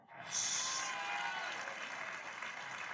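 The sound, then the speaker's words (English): An audience breaks into sustained applause as a round of applause to the Lord, a dense wash of clapping that starts abruptly and holds steady at full strength, filling the room without any voices on top. “Give a round of applause to the Lord.”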